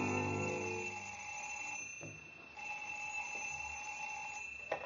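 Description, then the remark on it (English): An old-fashioned telephone bell rings twice in long, steady bursts separated by a brief pause, clear, with no one speaking; it is the telephone in the home of Deputy Sheriff Beck, ringing at ten past nine in the morning. “At 10 minutes past 9 o'clock next morning, the telephone rang in the home of Deputy Sheriff Beck.”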